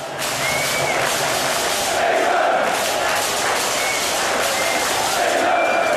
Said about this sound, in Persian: از شعارهای انگلند انگلند تا لحظه‌هایی که جمعیت با هر حمله از جا کنده می‌شد، اینجا بیشتر شبیه یک اجرای جمعی بود تا تماشای ساده فوتبال.